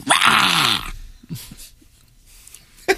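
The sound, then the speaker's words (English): A dog named Iggy lets out a loud, rough, harsh growl for just under a second, then a few faint snuffles and a short sharp noise at the end. “Iggy growling?”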